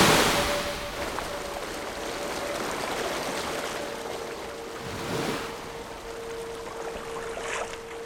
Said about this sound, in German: Klingt nach einer Brandung. Hier? Nach dem Meer? Höre ich auch den Wellengang.